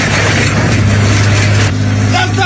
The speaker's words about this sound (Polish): A skoro tak, to podjechał traktorem z podpiętym pługiem i...